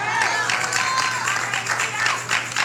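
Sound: audience clapping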